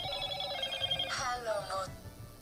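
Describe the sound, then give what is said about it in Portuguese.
A telephone rings with an incoming call in a bright, warbling electronic tone, repeating in quick bursts at moderate volume, with a faint low murmur of background noise underneath. “A pessoa está me ligando daí de um canto, mas não está conseguindo a ligação para cá.”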